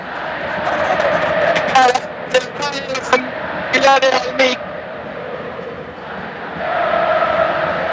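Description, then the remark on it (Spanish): A stadium crowd of Belgrano football fans roars and chants during their team's lap of honour, a dense wall of voices with loud rhythmic shouted bursts rising in the middle before settling back into a steady din. “El pueblo pirata. Escuchen cómo grita.”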